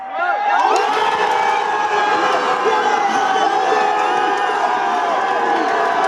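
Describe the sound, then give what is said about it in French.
A large crowd of football fans in the Strasbourg fan zone at the Jardin des Deux Rives, France, cheers and shouts continuously around France's 2-0 World Cup win over Morocco. It is a loud, dense roar of many voices with whoops and yells rising throughout, sustained without pause for several seconds. “Ce que vous entendez, c'est l'ambiance de la fan zone de Strasbourg au jardin des Deux Rives.”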